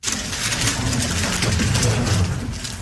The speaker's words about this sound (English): That is the clicking sound of a Rubik's Cube being speedily solved by a six-year-old.